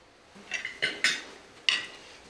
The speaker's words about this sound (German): Wir sollten ein letztes Mal auf Karl anstoßen.